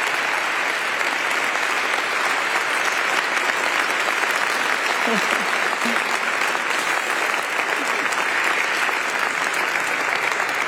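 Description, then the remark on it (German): Sustained applause from an audience for the overall coordinator of the department for new evangelization, a dense, even wash of many hands clapping that holds steady at a loud level for about ten seconds without a break or any speech. “Also ihr dürft mir auf jeden Fall mal am Anfang einen großen Applaus geben, weil sie hat wirklich Tag und Nacht sehr viel gearbeitet.”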